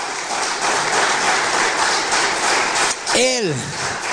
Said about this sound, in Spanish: ¿Cuántos dicen gloria a Dios? Dale un poderoso aplauso a Jesús.